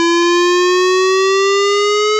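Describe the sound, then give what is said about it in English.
A steady, loud warning siren tone slowly rising in pitch, rich in harmonics, sounding continuously without any talking over it. It is a test of the Cairns Regional Council civil defence warning sirens in the Red Lynch Valley, Brinsmead and Freshwater areas. “If you'll be in these areas during this time, please be prepared as you'll hear a siren sounding like this.”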